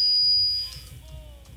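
A phone line's ringback tone on an outgoing prank call hums faintly and steadily for over a second, with a thin high whine above it, before a sudden louder electronic blip cuts in at the end.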